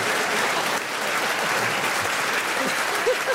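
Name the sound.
audience applause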